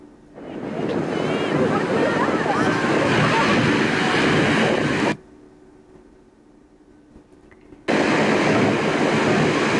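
Loud, steady roar of ocean surf at Seabright State Beach in Santa Cruz, California, rushing continuously, then dropping away abruptly for a few seconds before the crashing wash returns at full strength. Filmed by a bystander as a 16-year-old rookie lifeguard rescued a 10-year-old boy from the ocean.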